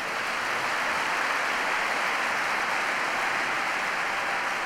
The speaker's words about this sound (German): Majestätisch, Applaus für die Löwen.